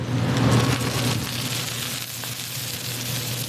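Food, an oyster omelette, sizzles and spatters steadily on a hot griddle at a night market stall in Taipei, a dense hissing crackle with a low steady hum underneath, fairly loud and continuous throughout with no voices.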